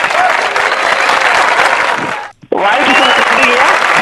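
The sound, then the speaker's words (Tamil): A crowd applauds loudly and steadily, dense clapping with a brief break near the end before the clapping resumes at full strength, applause for a participant who answered well. “ஐயா ஒரு கைத்தட்டி கொடுங்க.”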